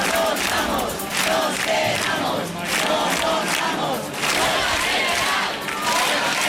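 A large protest crowd in the Puerta del Sol, Madrid, Spain, chants together in loud, rhythmic bursts, many voices rising and falling in a steady, repeating cadence that continues without a break throughout.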